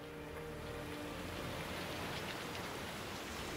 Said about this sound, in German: Schon wieder Regen.